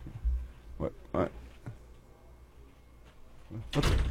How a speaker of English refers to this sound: Yeah, sorry, I had to close that. Everyone running just walks out. He doesn't close the door. Yeah. I don't like the door being open when we're doing shows.